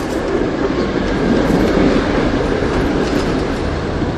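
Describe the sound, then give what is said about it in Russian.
A train, just boarded by passengers and setting off from a station in cold, windy, snowy weather, rolls along steadily, its wheels clacking over the rails beneath a loud, continuous rumble that stays even throughout, with no voices. “А потом мы сели в поезд и поехали.”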